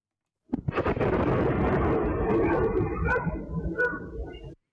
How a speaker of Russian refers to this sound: Взрыв, раздавшийся в небе, действительно похож на переход истребителя на гиперзвук. По-научному это называется скачок уплотнения,